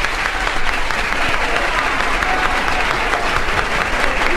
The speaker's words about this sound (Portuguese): A maior do mundo. A salva de palmas mais longa da história do disco. A maior de todas.